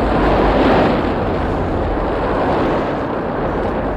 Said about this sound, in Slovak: Pozor, nová vlna! Rýchlo dolu!